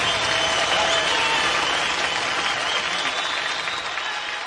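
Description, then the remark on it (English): A large audience at the 1972 Concord Jazz Festival applauds steadily, a dense wash of many hands clapping that holds strong throughout and eases off only slightly at the end, with no voices standing out. “And the crowd seems to like it.”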